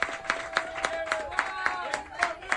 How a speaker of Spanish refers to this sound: Un aplauso de nosotros a ustedes y viceversa, eso mismo, eso mismo.